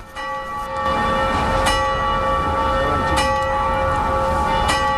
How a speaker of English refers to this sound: Just as she finishes explaining, the clock strikes noon, the one time that the clock rings during the day, for roughly 10 minutes. Except instead of angels ringing the bells, it's workers.